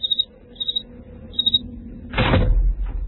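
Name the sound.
door opening and closing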